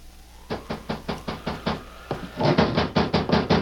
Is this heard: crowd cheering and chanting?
no